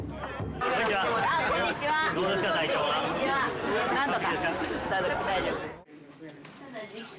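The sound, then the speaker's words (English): A dense babble of many overlapping voices at a local festival where a city mayor mingles with the crowd, steady and loud for several seconds before abruptly dropping to a quieter murmur near the end. “She attends a local festival and mingles with the crowd.”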